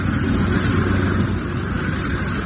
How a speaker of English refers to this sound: What's that? Oh, don't worry, Mr. Mannering. It's only the aeroplane's taking off. Sissy and I got quite used to it.